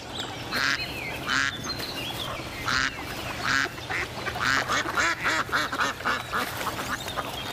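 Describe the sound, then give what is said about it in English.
Ducks quacking harshly back and forth on a pond, a mallard and mandarin ducks trading loud, rapid bursts of calls as the mallard tells the mandarins to move on, over steady pond background noise, growing denser and more agitated toward the end. “The little mandarin duck returns the insults. The mallard's message is clear.”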